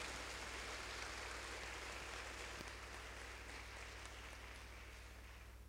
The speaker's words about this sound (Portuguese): A eles uma salva de palmas.